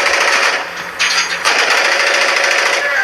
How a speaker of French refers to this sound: Alors sur leur téléphone, ces vétérans nous montrent des vidéos de drones russes abattus en Ukraine, ici ou ailleurs, par des mitrailleuses comme celle-ci.